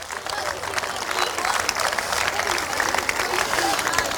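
Sustained audience applause for players who completed a two-day tournament's matches in tropical heat, a dense wash of many hands clapping at a steady, fairly loud level for several seconds without a break.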